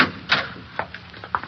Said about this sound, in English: Close the door behind you, Colonel. Very well. Careful, the last step. And then another door.